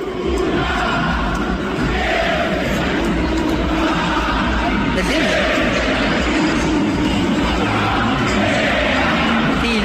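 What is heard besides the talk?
stadium crowd chanting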